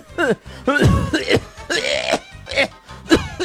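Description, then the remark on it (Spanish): A person imitates the cough of a woman at the doctor's, a harsh, rasping cough of several hacking bursts in quick succession with throat-clearing sounds between them, loud. “Una señora en el médico, pobrecita, ella con una tos así.”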